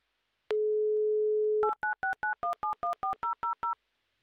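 A telephone call to Moscow being dialed: a steady dial tone hums for about a second, then a quick, even run of eleven two-tone keypad beeps plays with no voices.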